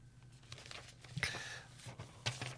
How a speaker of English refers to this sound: Sorry, piece of paper got tangled up there.